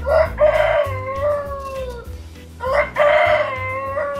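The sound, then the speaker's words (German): A rooster named Fridolin, from Reinhold Henrich's own breeding in Käfenroth, Wetteraukreis, crows twice, loud, each cock-a-doodle-doo a long rising-then-falling call with a short pause between, against a low background rumble. “Sie haben es gehört, ein ordentliches Kikeriki. Das ist Hahn Fridolin.”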